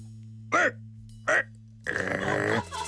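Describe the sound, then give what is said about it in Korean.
A male comedian, practising a dog impression in a comedy sketch, gives two short, sharp barks about a second apart, then a longer, rougher, strained bark-like yowl that trails off. “이번에 새로 선보인 그 개 성대모사 연습은 잘했어?”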